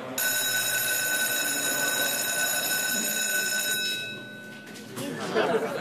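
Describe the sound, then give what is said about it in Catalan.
A classroom full of students chatters in an overlapping murmur, with a steady high electronic ringing tone sounding over them for the first few seconds before the babble carries on alone. “Avui esteu molt xerraires.”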